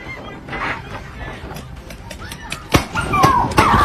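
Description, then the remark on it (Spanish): Two large Rottweilers bark and snarl in a frantic scuffle as they attack a boy in Philadelphia, with sharp irregular bursts and a high yelping whine toward the end, over muffled background voices. “Y en Filadelfia, una madre vivió la peor pesadilla de su vida cuando su hijo fue atacado por dos enormes perros Rottweiler.”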